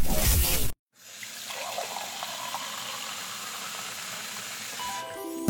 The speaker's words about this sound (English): It's one of life's simplest comforts. Turning on the tap and knowing clean, safe water is there.